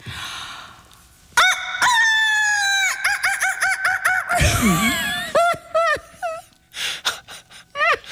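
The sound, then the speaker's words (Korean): A person imitates a rooster crowing as a wake-up alarm song, Jung Sun-hee's version: a long strained cock-a-doodle-doo followed by choppy squawks and clucks, loud with no other talk. “네, 닭소리 기상송 정선희 버전.”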